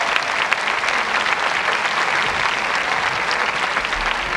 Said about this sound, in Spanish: Y un aplauso a quien hizo posible esto, a ….